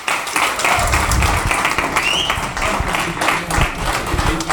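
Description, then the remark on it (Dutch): A large crowd applauds steadily at a closing party for cyclists of a charity ride, a dense continuous wash of clapping that stays loud throughout, with a few faint whistles or cheers rising above it. “Nou ja, na dat fantastische applaus gaan we zo meteen verder met de eerste artiesten hier op het slotfeest.”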